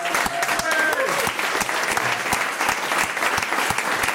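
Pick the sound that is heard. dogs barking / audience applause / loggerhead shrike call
audience applause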